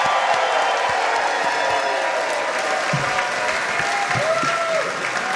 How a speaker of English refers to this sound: One more round of applause.